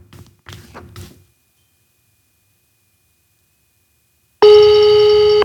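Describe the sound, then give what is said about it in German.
A few soft clicks and taps, then a pause, followed by a loud, steady telephone ringing tone with a buzzy harmonic hum, heard over a speakerphone as a call is placed during a broadcast show, continuing to the end without an answer. “Es läutet zumindest.”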